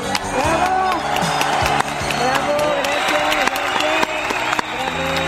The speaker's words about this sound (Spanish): Así que gracias, y este aplauso es para ustedes.